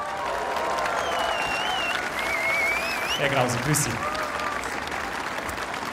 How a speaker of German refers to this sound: Und ich freue mich, dass ich ihn das erste Mal hier bei mir auf dieser Bühne vor Ihnen und natürlich vor allen Münchnerinnen und Münchner begrüßen darf. Hier ist er, ein großer Applaus, Dominik Krause!